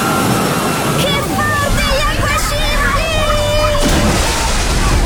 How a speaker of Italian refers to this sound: Il divertimento della piscina ad onde, mi arriva un'altra!